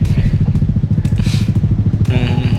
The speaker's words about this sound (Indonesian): Masuk beli BBM. Full sepeda motor antrian.